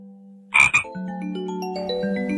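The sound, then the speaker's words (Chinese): Two quick, loud croaks from a little frog ring out, one right after the other, then a soft melodic tune begins and carries on beneath. “哦，拉鲁拉知道了，是小青蛙的叫声，咯咯呱，咯咯呱，哈哈，拉鲁拉猜想，小青蛙一定在池塘边美美的准备睡觉了，哈哈。”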